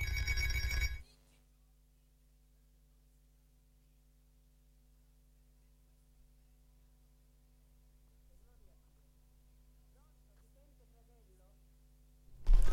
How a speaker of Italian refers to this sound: Arriva un attimo, io rispondo intanto a questa telefonata.